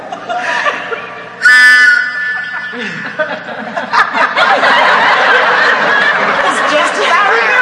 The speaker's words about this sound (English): A tin whistle. I had to buy 25 boxes of Cracker Jacks before I found one. Go ahead, try it. See what it sounds like.